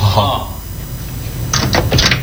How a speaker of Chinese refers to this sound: 好，锁门。 我外边等你啊。 好， 你先进去。 对，关门。关门。 完了，锁上呗。 锁上。锁上就计时了。